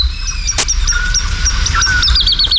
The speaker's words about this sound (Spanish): hacia las 5, 5 y pico de la mañana, una noche de luna llena, en el cielo, colgada en el aire, hay cantando una totovía, la alondra de bosque. Y al fondo, los sonidos de los búhos chicos, de los cárabos, de los patacabras, las aves nocturnas.